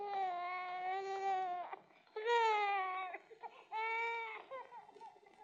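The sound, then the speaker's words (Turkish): A baby wails loudly in three long, strained bursts, each trailing off into brief catching sobs before the next cry starts. “Peki, bu bebek giderse buradan ben de giderim.”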